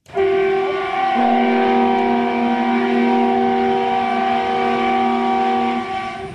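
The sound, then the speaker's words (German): The horn of an SVT Görlitz express diesel railcar, a nearly 60-year-old East German train built in Görlitz, blares loud in a long, steady chord as its arrival signal, a second tone joining after a second, over the rumble of the train arriving at full speed. It fades slightly at the end. “Mit Volldampf und dem bekannten Einfahrsignal kommt der Vindo Bona, der Schnelltriebwagen vom Typ SVT Görlitz, förmlich angeflogen.”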